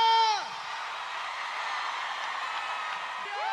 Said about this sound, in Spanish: aplauso fuerte para